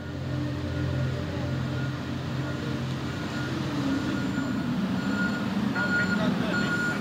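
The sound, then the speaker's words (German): Steady low rumble of heavy engines with trucks maneuvering at night during loading of the Finn-Echo 2, an almost 240-metre cargo ferry, at Vuosaari port in Helsinki, Finland, high-pitched reversing beeps pulsing at regular intervals, and a faint murmur that may be voices. “Die ganze Nacht lang wird diese Frachtfähre beladen.”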